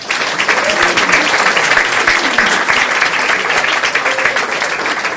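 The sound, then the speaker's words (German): Sustained audience applause for a musician, who provides the music for the evening, a dense, steady wash of many hands clapping at an even loudness throughout, with faint murmurs of voices mixed in underneath. “Und jemand, der es auch trotz Bombe zu uns geschafft hat und heute hier für die Musik sorgt und einen großen Applaus dafür verdient.”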